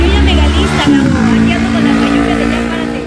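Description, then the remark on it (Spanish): A motorcycle engine idles and revs outside the Radiopolis studio on Tlalpan 3000 with a loud, low rumble, its steady throb rising slightly in pitch partway through while people talk over it. “Se oye más la moto, sí.”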